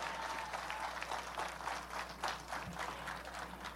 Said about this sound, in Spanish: Un fuerte aplauso para todos ustedes por estar el día de hoy aquí.